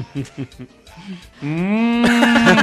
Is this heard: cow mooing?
yes